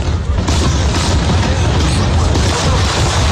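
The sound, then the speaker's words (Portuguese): Fireworks exploding in a dense, continuous barrage for the Canada Day celebration in Toronto at 11:20 at night, deep booms and crackling bursts overlapping into a loud, steady roar with no pauses, and a faint murmur of voices mixed in. “O fogo que ouvimos é da celebração do Dia do Canadá.”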